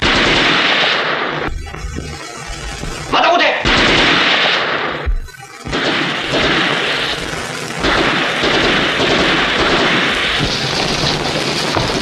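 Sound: gunfire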